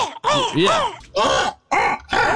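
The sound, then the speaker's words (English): A human voice imitates a crow, cawing in a raspy, gargling tone: four loud, harsh bursts in quick succession, the first longer and wavering up and down in pitch. “But that gargle amateur sound really takes it to the next now level.”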